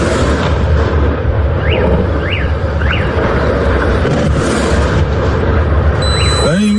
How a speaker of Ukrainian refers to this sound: За даними моніторингового каналу Exelnova Plus, цей об'єкт використовують для зберігання, сортування та подальшого розподілу товарів подвійного призначення. Ось момент влучання одного з дронів у склад.